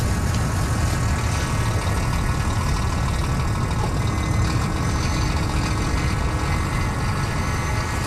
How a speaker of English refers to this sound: In this industrial and built-up bit of Sydney, right near a rugby station and a road named after Captain Cook, in between car parks and trucks